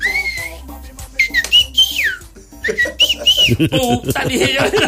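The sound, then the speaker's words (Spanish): Someone imitates a whistle, producing several short tonal whistles that slide up and down in pitch, loud and clear, with breathy voiced sounds creeping in toward the end. “Así silbaba, quedó.”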